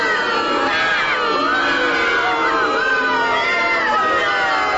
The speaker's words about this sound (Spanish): Sí, me merezco el más grande de sus abucheos, muchos más. El más grande. El más grande de los abucheos me merezco.